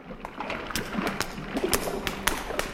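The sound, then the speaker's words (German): A door handle rattled against the locked latch of a door in a corridor: several sharp clicks and knocks at irregular intervals, over a low continuous background rumble. “Die erste Tür ist schon mal verschlossen.”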